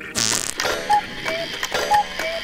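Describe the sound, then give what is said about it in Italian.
A brief rough scrape, then an old clock ticking in a steady tick-tock rhythm, four clear mechanical clicks alternating in pitch, moderately loud with no voices. “E fanno rumore di orologio vecchio.”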